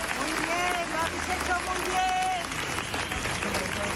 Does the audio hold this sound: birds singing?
no